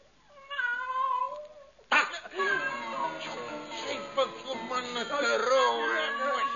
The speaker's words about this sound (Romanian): S-a scăpat pisica. Pune mâna pe ea. Pune mâna pe ea. Na. A fugit.